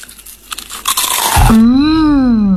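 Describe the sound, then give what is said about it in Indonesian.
Someone bites into crispy kerupuk gombal, crackers made of tapioca flour and salt and known by that name in Madiun, Indonesia, with a burst of brittle crunching for about a second and a half, then a voice follows with a long, drawn-out sustained vocal sound. “Renyah ya. Gurih lagi. Bungkus satu lagi ya Bu, kerupuk gombalnya.”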